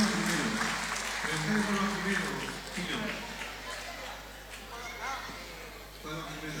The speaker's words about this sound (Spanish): Fuerte aplauso para recibir a Danza Folk con nosotros en esta noche. Arriba, arriba, arriba, arriba, arriba, arriba, arriba, arriba, que se note el aplauso. A ver el fondo, aplaudiendo.